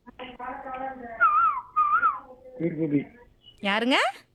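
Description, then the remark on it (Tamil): A person whistles an imitation of a cuckoo's call: a few wavering, bird-like phrases that rise and fall in pitch, ending with a quick upward-swooping flourish, fairly loud and with no talking over it. “ஓ, குயில் மாதிரி பாடுறீங்களா?”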